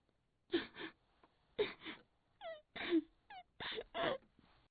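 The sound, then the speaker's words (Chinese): A voice imitating a woman crying next door, in a tale of Lu Da, with a run of breathy, halting sobs and wavering whimpers in uneven bursts, fairly loud, with no words spoken. “由打隔壁传来了一个女人的哭声。”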